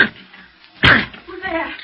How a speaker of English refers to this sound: It's locked. But the door's flimsy. I'll break it in.